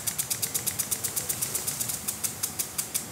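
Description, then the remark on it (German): A barge engine on the Rhine in Düsseldorf chugs in a steady, fast rhythm of regular knocking pulses, with no voices and little else around it. “Was genau hören wir eigentlich vom Rhein? Nicht viel. Unten Kahn.”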